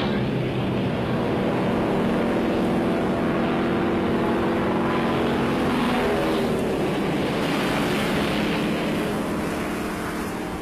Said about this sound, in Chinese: 报朱总司令，四旅四架飞机全部升空，请检阅。